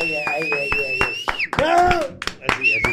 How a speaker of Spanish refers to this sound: Forte aplauso, Iván Loureiro. Apláudaseme. Más fuerte, más fuerte. Más algarabía.